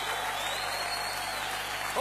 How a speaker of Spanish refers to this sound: Dale fuerte el aplauso a Jesús. Aleluya. Aleluya.